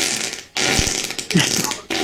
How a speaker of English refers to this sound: That's you getting farted on. Yeah. Oh, that's mean.